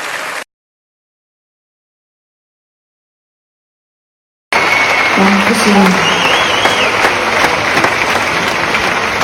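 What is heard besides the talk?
audience applause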